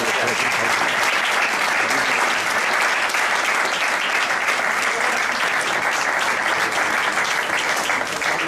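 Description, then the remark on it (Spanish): Sustained applause from an audience for a man who does many social works for the city, a dense, steady wash of many hands clapping at once, loud, continuing evenly for several seconds without a break. “Y este es un aplauso especial por eso.”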